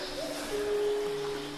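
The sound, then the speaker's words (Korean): A bird calls once with a long, steady, low hooting note over a soft, airy background hiss, at the large entrance of a very deep cave. The call is clear, and no one speaks. “물소리도 들리고 새소리도 들리거든요.”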